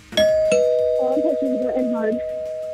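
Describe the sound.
A two-tone doorbell, its button pushed with a finger, chimes, its ringing notes sustaining and overlapping, while people talk over the lingering tone.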